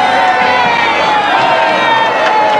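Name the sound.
crowd cheering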